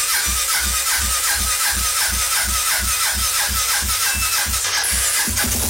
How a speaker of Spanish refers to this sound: ¿Cuál es el afán? ¿Cuál es el afán de que prenda la moto rápido?